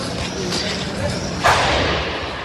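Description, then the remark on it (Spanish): A sudden, sharp explosion from a burning rubbish container on Benito Corval, a central street in Pontevedra, late on a Sunday, bursts out of steady street noise partway through, a single loud bang whose roar lingers for a moment afterward. “Isto é o que escoitaron os veciños de Benito Corval cando ardía un colector de lixo nesta céntrica rúa da cidade.”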